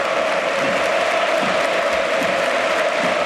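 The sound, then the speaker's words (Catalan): A large stadium crowd at Camp Nou gives a standing ovation as Gordon is substituted off, a steady, dense roar of clapping, loud and sustained throughout with a faint murmur of cheering mixed in. “Ovació per Gordon, amb la gent dreta també aplaudint, acomiadant Gordon, i ara...”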